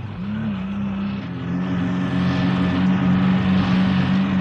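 A truck engine drones continuously as it struggles along a road buried in deep snow. Its low, strained rumble rises slightly in pitch as it labors, with no voices over it.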